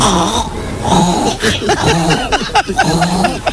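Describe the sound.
A woman's voice on Basque regional television (ETB) mimics a string of animal noises, including a pig and a hen, shifting between grunting, squealing and clucking calls in short, uneven bursts with rising and falling pitch, fairly loud throughout.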